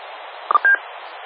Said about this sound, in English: Also, the courtesy tones is so we don't have to sit here and say over, you know, when we're through transmitting. When we unkey, you know I'm done by the courtesy. That's why they call them courtesy tones.